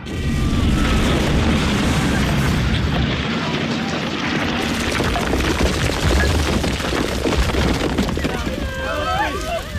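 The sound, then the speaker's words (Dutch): Dense, sustained roar of booming blasts and rumbling explosions as bombs are dropped from planes in an air raid, loud throughout with crackling bursts and a voice faintly audible beneath. “Er worden ook bommen gelost.”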